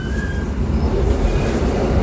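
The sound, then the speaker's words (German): A moving older train rumbles steadily from inside the carriage, with a dense low rattling and faint high squeals from the wheels, loud and continuous throughout. “ist ein bisschen ältere Zug und der rüttelt noch ein bisschen.”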